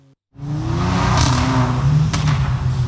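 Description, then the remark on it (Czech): Powerful sports car engines of about ten cars gathered at night on a shopping-centre parking lot in Ostrava start up abruptly and rev loudly and steadily as owners show off their cars, a deep throaty roar with rising whines, filling the scene with no voices. “Turují motory, driftují a troubí na klaxony.”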